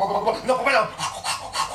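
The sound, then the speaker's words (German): A voice imitates a bubble machine: a short burbling, wavering vocal sound followed by three breathy, hissing puffs at a steady rhythm, moderately loud. “Und die Blasenmaschine macht.”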